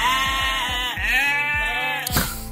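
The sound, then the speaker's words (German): Cameroon sheep bleat loudly in Hettstedt, a long, wavering, quavering call that runs almost without pause before ending in a brief rough burst. “bei den Kamerun-Schafen”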